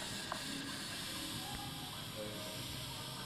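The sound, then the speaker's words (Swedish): A steady, broad hiss of air inside hyperbaric pressure chambers in a basement runs unbroken throughout as air is breathed in and out of them, with a few faint mechanical clicks and a low hum underneath; one chamber has six seats, with five people inside. No one speaks. “Ja, det väser. Det andas in och det andas ut in i de här tryckkammarna.”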